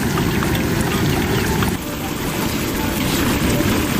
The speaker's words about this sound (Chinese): 好，茄盒裹糊下油锅，炸到外壳定型，捞出来。